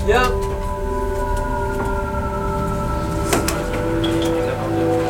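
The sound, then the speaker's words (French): A loud, steady roar of air escaping from a submarine's opened ballast vents as the tanks fill with water and the boat submerges. Sustained whining tones run through it, broken by a few sharp metallic clunks, continuing unbroken for the whole stretch. “On vient d'ouvrir les purges, ouais. Les ballasts vides d'air se remplissent d'eau et le bateau va s'enfoncer progressivement.”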